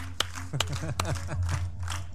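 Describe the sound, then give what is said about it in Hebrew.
Several sharp, scattered hand claps from children, clapping for King Hezekiah, ring out over steady chatter and voices, with a low hum underneath throughout. “חיות כפיים לחזקיהו.”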